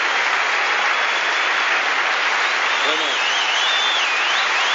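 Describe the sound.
Steady, dense audience applause fills the whole stretch at an even loud level, with a brief cheer or voice rising out of the clapping near the end.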